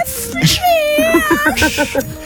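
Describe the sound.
A person mimics a cat's meow in a drawn-out, wavering whiny voice, fairly loud, with a few short yowling inflections before fading.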